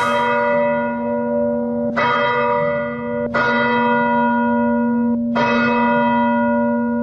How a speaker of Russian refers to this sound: И хоть на месте до сих пор еще работают спасатели и пожарники, с самого утра в храме уже звонят колокола.